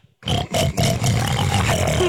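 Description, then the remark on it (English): A man's voice imitates a pig, making a loud, rough, continuous grunting snort that lasts about two seconds, with no other talk. “ask … what animal sound you want him to make. A pig.”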